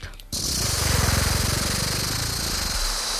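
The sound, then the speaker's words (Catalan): A voice imitates a rattlesnake's rattle, a steady, buzzing, rapidly pulsing hiss held for about three seconds, loud, after a brief quieter start. “Per això et sé de cascabell.”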